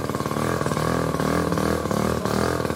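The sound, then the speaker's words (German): A microcar's small engine idles at a traffic light with a steady, buzzy rattle, its low harmonic drone pulsing rapidly like a moped or lawnmower, continuous and fairly loud throughout with no talking. “Klingt wie ein Moped oder wie ein Rasenmäher. Sieht aber aus wie ein Auto.”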